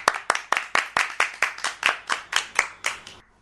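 An audience claps together in a steady, even rhythm, roughly fourteen crisp, bright claps at a brisk pace with no talking, ending abruptly.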